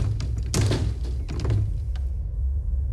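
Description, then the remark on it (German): Someone rattles and tugs at a locked door, producing a few short, dull thunks and clatters over a low, steady background hum. “Na, die ist wohl abgeschlossen.”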